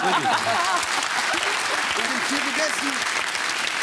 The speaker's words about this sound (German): Applaus bitte. Ja.